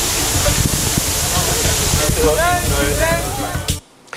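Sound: water cannon spraying water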